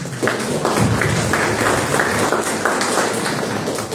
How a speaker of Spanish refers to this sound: Aquí vamos a empezar con el candidato Sandro Poma por Perú Primero. Un aplauso para él.